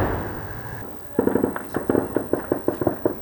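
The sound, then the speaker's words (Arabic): A low rushing roar gives way to a rapid, irregular string of sharp, loud explosive bangs and cracks: rocket explosions and artillery fire during a war in the town of Mansoura. “لا تسكت المدافع هنا، ولا أصوات الصواريخ والتفجيرات.”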